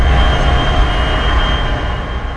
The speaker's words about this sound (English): One example that you might think about is, like, you might have a train barreling by, and you hear a child scream. You can still hear that scream above the train because all of the sound is concentrated into a single frequency.